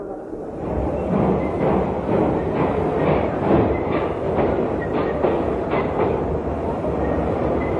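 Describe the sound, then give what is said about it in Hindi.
A train rumbles steadily with a dense low roar and faint rhythmic clatter of wheels on the rails, sustained throughout, as a train with an engine at the front and coaches behind pulls away from the station after a man waves a green flag. “अरे हाँ, रेलगाड़ी तो चल दी।”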